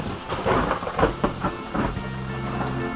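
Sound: rain starting with thunder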